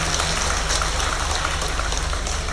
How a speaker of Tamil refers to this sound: அந்த மாதிரி தடவி கொடுக்குற மாதிரி, தண்ணியை அடித்து தடவி கொடுக்குற மாதிரி, நீங்கள் தட்டுற கைதிட்டு இருக்கு பாருங்க, தண்ணியை அடித்து தடவி கொடுக்குற மாதிரி.